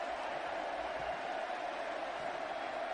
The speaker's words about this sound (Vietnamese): Và như vậy là sau khi hoàn tất cú hat-trick của mình thì Lionel Messi rời sân. Trong tiếng vỗ tay của hàng vạn cổ động viên Argentina đang có mặt tại sân Kansas City.